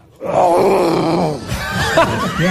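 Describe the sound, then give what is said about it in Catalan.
A person imitates a lion on request, voicing a long, rough roar, a loud throaty growl with wavering pitch that sustains for about two seconds and breaks into raspy, strained bursts near the end. “Comencem pel lleó, d'acord? Imitació del lleó, a veure, quan vulguis.”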